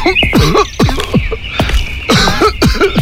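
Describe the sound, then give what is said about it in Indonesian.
A man, a father who coughs every day and is getting worse, coughs over and over in a loud run of short, harsh bursts, about seven or eight in quick succession with only brief gaps, and no talking. “Bapak tiap hari batuk-batuk terus loh, Pak.”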